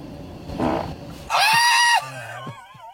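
A loud, buzzy fart lasting under a second, with a brassy, fluttering tone, preceded by a short rustling burst and trailing off into quieter low sputters; a person pushes it out next to a sensor.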